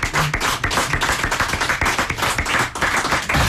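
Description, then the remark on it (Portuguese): A crowd applauds a young fado singer on a fado program, many hands clapping in a dense, continuous patter that stays loud throughout without any voices on top. “Um aplauso para o ….”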